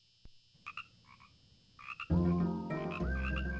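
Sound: frogs croaking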